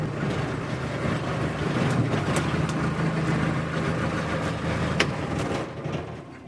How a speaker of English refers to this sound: To get a peek inside the Martin Mars, first you take a 3-minute boat ride in a skiff that travels as part of the support entourage.